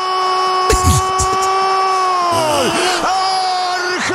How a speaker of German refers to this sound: Er schreit immer noch. Und wie lange geht das noch so?